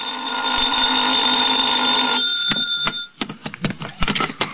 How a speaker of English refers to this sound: I was still in bed when the phone rang.